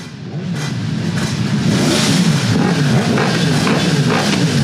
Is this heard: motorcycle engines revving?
yes